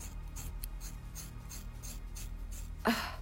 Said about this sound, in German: Okay, Lisa hat sehr dickes Haar. Ich komme mit der Schere.